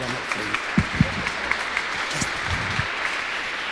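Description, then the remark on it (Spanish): Steady applause from a crowd at an evening tribute to mothers, welcoming singers who have come to sing for the mothers, fills the space: a dense wash of clapping with scattered louder claps standing out, continuing throughout at moderate volume. “Las vamos a recibir con un fuerte aplauso, por favor.”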